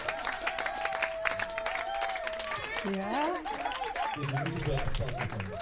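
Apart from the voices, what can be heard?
crowd applause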